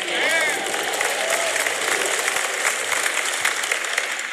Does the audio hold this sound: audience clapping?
yes